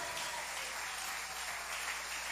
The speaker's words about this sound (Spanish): Si ese aplauso es para él, ¿qué tal?